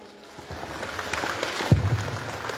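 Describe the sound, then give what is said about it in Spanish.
An audience at an event in Villa Tunari breaks into applause to welcome the president of the municipal council to speak, a dense, crackling wash of many hands clapping that builds after a quiet start and continues steadily, with a single low thump partway through. “Recibimos con fuertes aplausos.”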